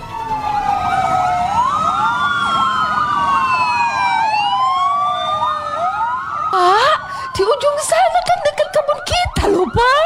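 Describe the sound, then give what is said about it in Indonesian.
Several fire engine sirens wail at once as fire engines arrive at a fire, their rising and falling tones overlapping loudly, followed by a burst of rapid yelping siren bursts and engine rumble. “Akhirnya pemadam kebakaran pun sampai di lokasi dan berhasil memadamkan kebakaran tersebut”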